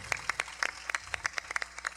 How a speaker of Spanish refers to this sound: Amén, denle ese aplauso fuerte a Jesucristo.